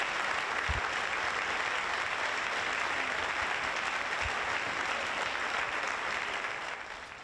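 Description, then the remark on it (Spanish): A large audience at an event at the FAO in Rome applauds a speech steadily, a dense wash of clapping that holds at full strength for several seconds before beginning to taper off at the end. “A esta hora, aquí en Roma, se reúne con empresarios, pero antes, en un acto en la FAO, donde nos encontramos, ha reivindicado el multilateralismo en un discurso muy aplaudido por un público que ha elogiado su política exterior.”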